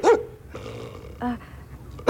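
A dog growls low and steadily between sharp, loud barks: one bark at the start, a harmonic yelp-like bark in the middle, and another at the end. No one speaks.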